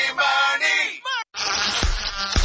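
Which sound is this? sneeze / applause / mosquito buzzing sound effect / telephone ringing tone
mosquito buzzing sound effect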